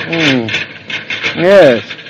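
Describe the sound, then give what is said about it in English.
A noisy dishwasher runs with a steady rubbing, grinding churn, broken by two loud whining groans that rise and fall in pitch, one at the start and one near the end. “Did it make that noise in the store, …? That noise, Mother? It's just part of the way it works, I guess.”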